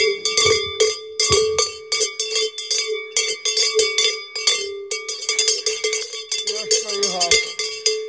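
A bell is struck again and again in a quick, uneven rhythm, each bright metallic clang ringing with steady overtones, loud and alone without any voices.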